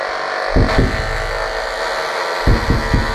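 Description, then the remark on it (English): A steady, dense electric buzz with a fine rapid pulse pattern runs throughout: a knife fish's nearly constant stream of electrical pulses, picked up in its tank and played through an amplifier with a speaker. It is punctuated by a few soft low thumps in two small clusters; no one speaks. “You might be able to hear that the knife fish is producing a nearly constant stream of electrical pulses.”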